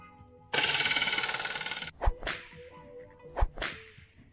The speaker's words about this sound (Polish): O, taki gong był w takiej przedwyborczej debacie w TVP.